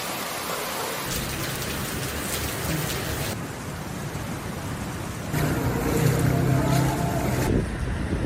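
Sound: heavy rain falling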